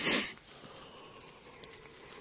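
A person yawns, a short, breathy rush of air at the start, close and fairly loud, then fading into a quiet room tone with no talking.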